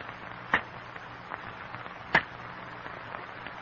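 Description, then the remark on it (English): Two sharp, loud cracks of cane knives chopping into sugar cane stalks, about a second and a half apart, with fainter snaps and a dry rustling crackle of falling cane leaves continuing underneath. “In the strained silence, the men listen to the sharp crack of cane knives on stalks of cane, the crackling of falling cane leaves.”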